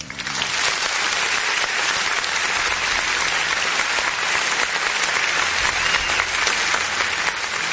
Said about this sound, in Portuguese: Ô, produção, aperta danado esse botão aí. Aperta o danado desse botão aí. Aplausos, parabéns aí pros nossos policiais, produção!